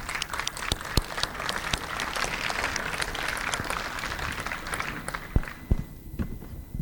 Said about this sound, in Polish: Brawa ogromne, no ale czemu się nie ma co się dziwić.